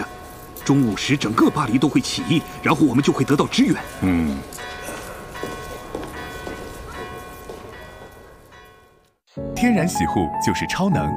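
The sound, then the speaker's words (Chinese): Church bells ring faintly in Paris, their long sustained tones hanging under people talking, then fading briefly before the voices return. “你能听到钟声吗？还在响，那证明其他路障仍然在坚守着。”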